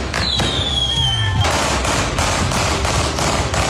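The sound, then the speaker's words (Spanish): Rapid, repeated cracks and bangs of gunshots and fireworks at a symbolic street wake in the commune of Quilicura, where a car was burned, burst continuously outdoors, with a whistling rocket rising early on and a dense, crackling barrage throughout. “Con disparos, fuegos artificiales, un auto quemado y sin detenidos, se realizó un velatorio simbólico en la comuna de Quilicura.”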